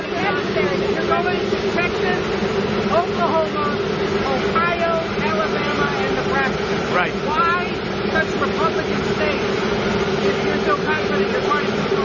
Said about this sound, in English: You'll hear the presidential helicopter Marine One loudly in the background outside the White House.